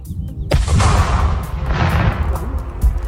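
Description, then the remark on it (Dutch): A single powerful detonation of an aerial bomb, set off by the explosive ordnance disposal service outside the city, booms out after a brief quiet, its deep low rumble rolling on for a couple of seconds before a smaller thud near the end. Heard outdoors. “De explosieve opruimingsdienst heeft de bom buiten de stad laten ontploffen, zien we bij Omroep Brabant.”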